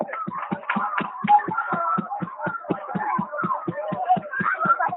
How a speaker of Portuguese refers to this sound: Palmas para ela.